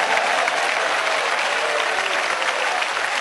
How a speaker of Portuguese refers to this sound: Quem dá um glória a Deus aí para Jesus? Isso, pode louvar a Ele com as palmas, pode sim.